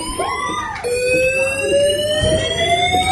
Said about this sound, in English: Uh-oh. Fire alarm. Fire alarm. Which didn't stop for 30 minutes. Oh my god. Someone had set off the restaurant fire alarm so everyone could hear this non-stop.